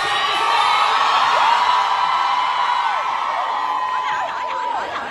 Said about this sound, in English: Was it the cheering? I think people were confused what was going on because he was obviously exiting. Yeah. And some fans were just cheering for him.